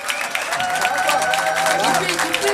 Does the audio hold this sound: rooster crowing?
no